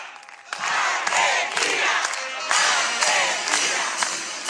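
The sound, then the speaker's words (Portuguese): The Argentine football chant 'Vamos, vamos, Argentina', performed by a military band at a Military Bands Festival during Independence Day celebrations, rises in a loud, sustained roar of voices chanting together with rhythmic surges. No one speaks separately. “A emblemática cantiga da torcida argentina que ecoa nos estádios, desta vez é executada por uma banda militar.”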